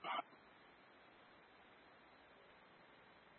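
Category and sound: animal, dog barking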